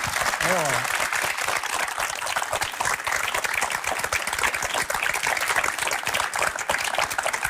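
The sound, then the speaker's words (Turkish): Sustained applause from an audience, dense and steady clapping that fills the whole clip at an even, loud level, with a brief voice-like sound near the start. “Mesela buradaki bu alkışlar, bu takdir çok güzel”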